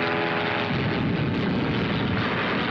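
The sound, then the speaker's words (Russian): A Messerschmitt fighter plane's engine roars loud in a steady, droning rush with a low propeller hum as the aircraft dives steeply toward an airfield. “В крутом пике на аэродром заходит мистер Шмидт. Мессер!”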